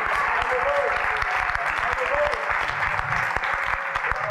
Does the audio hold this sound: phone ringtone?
no